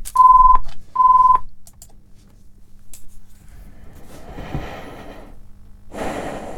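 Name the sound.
telephone ringing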